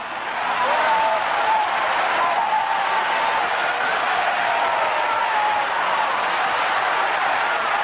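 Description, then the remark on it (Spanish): A large audience claps to God at a night church service, a dense, steady wash of many hands that never lets up, with indistinct crowd voices blended underneath. “Aplaude a Dios, aplaude a Dios esta noche, apláudelo. Que con tus palmadas salen los demonios, porque tu palmada está ungida por el Espíritu Santo.”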